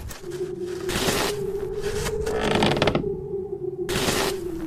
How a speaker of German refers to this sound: Schiebt wieder Schnee.